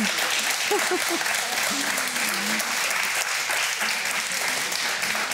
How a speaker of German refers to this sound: Guck mal, hier, toll. Da, Glückwunsch. Applaus hier für das Bingo. Wow, ja, herzlichen Glückwunsch. Klasse.